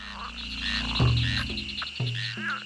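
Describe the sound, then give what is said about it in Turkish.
Frogs croak repeatedly near a pond, a few low, throaty calls standing out over a steady chorus of other frogs and a constant high insect-like buzz. “Bir kurbağa sesi duydum sanki. Bir kurbağa göleti.”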